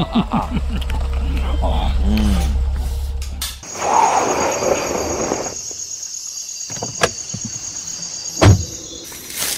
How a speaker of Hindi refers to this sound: गाड़ी की आवाज, लगता वो लोग आ गए।